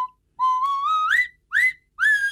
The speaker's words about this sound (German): Natürlich mit der Nasenpfeife aus Schonach. Die Nasenpfeife, das Kultinstrument. Und nur original aus Schonach. Flaschenöffner und Musikinstrument in einem. Die Nasenpfeife. So klingt Heimat.